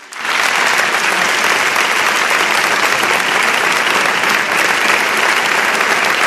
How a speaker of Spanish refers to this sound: Tenía ganas de que viniera y hoy está con nosotros. Os pido un aplauso para ella también.